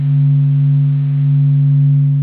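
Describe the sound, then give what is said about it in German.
A steady, low electronic hum made audible from the Sun's oscillations, recorded through the Doppler effect in the Sun's visible spectrum by telescopes on the ground or aboard spacecraft: a constant droning tone with faint higher overtones, holding level throughout with no speech. “Diese Veränderungen können Teleskope am Boden oder an Bord von Raumsonden aufzeichnen und sie können das Summen der Sonnenaktivität hinterher sogar wieder hörbar machen.”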